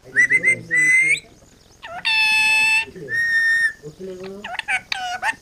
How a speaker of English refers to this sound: the parrot demands rice from her perch on a balcony in Dambagula village.